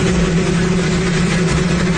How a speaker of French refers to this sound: Donald Trump coupe le ruban. Il n'a pas de micro et son discours est couvert par le bruit d'un hélicoptère.